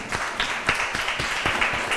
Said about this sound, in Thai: บอกเสียงปรบมือให้เพื่อนหน่อยครับ